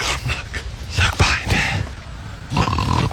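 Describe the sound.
A person imitates a pig with a run of rough, breathy snorts and grunts in quick, uneven bursts, loud and continuous for a few seconds.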